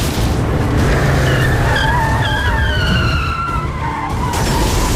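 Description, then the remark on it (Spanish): A car skids hard after a tire blowout, its tires letting out a long, wavering squeal over a loud, steady roar of engine and road noise, intense throughout. “Reventón de una rueda.”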